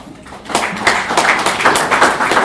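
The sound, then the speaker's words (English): An audience at a celebration of 15 years of Kenya's Constitution claps for itself, starting softly and swelling into steady, dense applause of many overlapping hand claps, fairly loud, with no one speaking over it. “And why are you clapping for yourself?”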